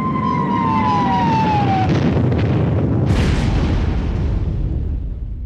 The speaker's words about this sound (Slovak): V tej chvíli ich úplne ohlušil výbuch.